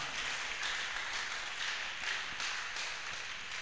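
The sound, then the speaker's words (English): An audience applauds in a steady, dense wash of clapping that stays fairly even in loudness for several seconds, with brief swells, and no speech over it. “Give yourself a round of applause one more time.”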